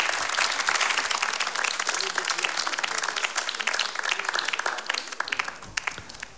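Sustained applause from a large audience in Sala A at Radio 3's Voci in Barcaccia Largo ai Giovani, a new-voices competition, a dense, steady wash of many hands clapping that stays strong before thinning slightly toward the end, with no voices speaking.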